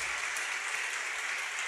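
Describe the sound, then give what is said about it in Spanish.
Steady applause from an audience, a dense wash of many hands clapping at an even level with no voices over it. “Bueno, si van a aplaudir, aplaudan, hermanos.”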